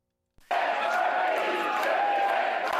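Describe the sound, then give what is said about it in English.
After a brief moment of quiet, a dense crowd at Parti Québécois headquarters in Quebec on election night roars and chants "Quebec, a country" together, the sustained mass of voices loud, filling the space without pause. “Quebec, a country, chanted the crowd at PQ headquarters.”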